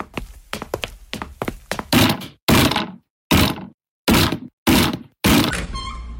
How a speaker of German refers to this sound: Doch niemand öffnete die Tür. Ihr habt es nicht anders gewollt. Männer, demoliert die Tür!